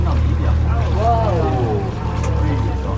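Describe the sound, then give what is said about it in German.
A steady, low engine drone from about 12 whale-watching boats from different operators out on the sea, some nearer and some farther away, runs throughout, with muffled voices rising and falling faintly over the hum. “treiben plötzlich 12 Boote von verschiedenen Anbietern, mal näher dran, mal weiter weg”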